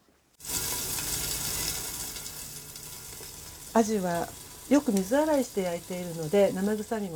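A steady, loud crackling sizzle of fish frying in a lidded frying pan with a teaspoon of oil over medium heat, cooking for three minutes until lightly browned. It starts abruptly and holds without pause; about halfway through, a person begins speaking over the continuing hiss.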